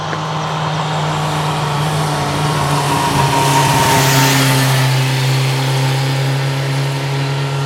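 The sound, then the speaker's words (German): A motorcycle engine drones steadily on a steep road popular with motorcyclists, rising in pitch as it passes by around midway, then fading back to a constant hum. No voices. “Eine beliebte Motorradstrecke ist es auch hier.”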